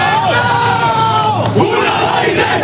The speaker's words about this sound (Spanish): El grito de guerra que sigue a la charla de Azpilicueta, que aunque no juegue es el que les estaba diciendo más unidos que nunca el objetivo de la temporada.